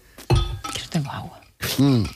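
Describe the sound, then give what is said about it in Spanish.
A sharp glass clink rings out, followed by a second bright knock, as the hosts of a radio show take a hydration break to drink water, while voices murmur and talk around them. “Bueno, dicho esto, y antes de pasar a lo siguiente, pausa de hidratación. 5 segundos de silencio y beber un poco.”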